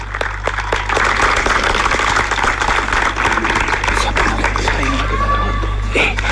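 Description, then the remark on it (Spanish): A crowd applauds steadily for about six seconds to welcome Wilson Esquerra Martinotti, the intendente of Tacuarembó, at an evening event: a dense, even patter of many hands over a low electrical hum, with a few faint tonal sounds rising near the end. “Fuerte el aplauso para recibir al intendente de Tacuarembó, Wilson Esquerra Martinotti.”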